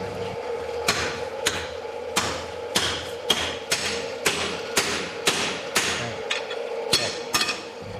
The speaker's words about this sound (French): Alors, on n'entendit plus que le soufflet qui activait le feu du foyer et les coups de marteau des forgerons.